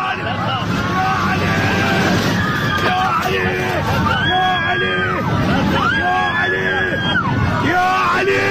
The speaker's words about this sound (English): the interior of this cabin falling in, all those ceiling panels shaking loose, dumping, items are falling over out of the overhead luggage bins, and passengers just begin screaming in terror.